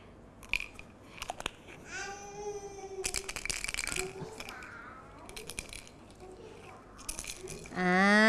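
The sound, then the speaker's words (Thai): Red beans, a kind of plant seed, rattle inside a shaken jar in several bursts of quick, dense clicking, fairly loud, with voices sounding between the shakes. “เป็นเมล็ดพืชเหมือนกันนะคะเป็นเมล็ดถั่วแดงค่ะ”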